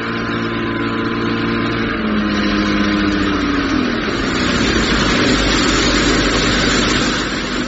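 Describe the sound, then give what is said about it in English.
A motorboat engine on a river runs steadily and fairly loud throughout, a continuous droning hum whose pitch shifts briefly early on, with a broad rushing wash beneath it and no voices. “Doesn't have an engine. It's got elegance instead. Mine's got an engine.”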